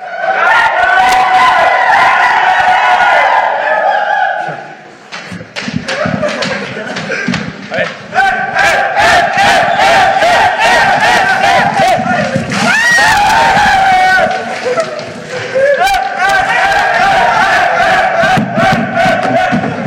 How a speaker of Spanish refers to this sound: Ahí para la gente que nos acompaña a través de la gran cadena W, ese escándalo. Que nada más escucharon griterío.